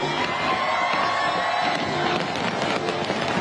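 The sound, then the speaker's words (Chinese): A large crowd of residents and tourists roars and cheers steadily at the 8 pm National Day fireworks display over Victoria Harbour, Hong Kong, packing the Avenue of Stars and the area outside the Cultural Centre, with sharp bangs and crackles from over 30,000 fireworks bursting through the noise now and then, some louder than others. “国庆烟花汇演晚上8点举行，超过30,000枚烟花在维港上空绽放，大批市民同旅客企满星光大道同文化中心外的空地观赏。”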